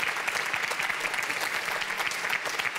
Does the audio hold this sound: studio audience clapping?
yes